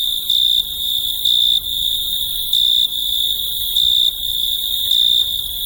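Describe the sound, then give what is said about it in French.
Male crickets rub their wings together on a cool evening, trilling steadily in a high, continuous drone, swelling into slightly louder pulses about once every second, with no talking and a faint low rumble underneath. “Les grillons mâles frottaient l'une contre l'autre leurs ailes et de la terre montaient les plus enivrantes mélodies.”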